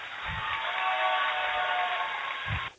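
Steady, dense audience applause fills nearly three seconds at an even loudness, a continuous wash of many hands clapping with a couple of low thumps, then it cuts off abruptly.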